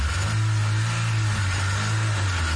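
A car engine runs with a loud, steady low rumble and a slight revving swell, continuous throughout with no voices.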